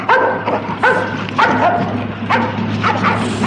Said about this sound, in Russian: Эй, пацан! Держи свою собаку! Держи, а то укусит!